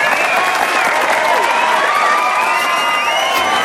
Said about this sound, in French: Faites un tonnerre d'applaudissements pour Tony Le Thon